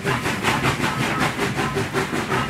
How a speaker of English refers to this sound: On the Friday morning, we were waiting for the train on the platform at Waterloo Station. As it pulled in, I was jostled from behind.